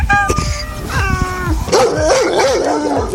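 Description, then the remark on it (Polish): Several dogs at an animal shelter in Białystok, Poland, bark and yelp in quick overlapping bursts, then break into high, wavering whines and yips, fairly loud, with a busy, echoing clamour behind them. “Tak naprawdę przed zimą najlepszą pomocą dla zwierząt będzie nowy dom, żeby nie musiały tutaj zimą mieszkać.”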